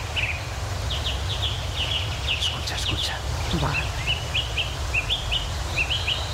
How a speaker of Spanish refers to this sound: el mirlo, el ruiseñor, las oropéndolas, el alcaudón, el picapinos, entre otras muchas especies que, como los vecinos de por aquí, celebran el valor de los bosques y del agua